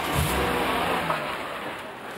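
Krause's car engine rumbles loudly and steadily for about two seconds, with a throaty low surge near the start and a broad, rushing hiss above it. No one speaks.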